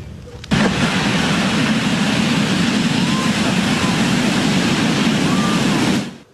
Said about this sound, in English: So even though the biggest waves are starting to come down, beachgoers aren't in the clear just yet. High surf and dangerous rip currents are expected to continue today along the SoCal coast.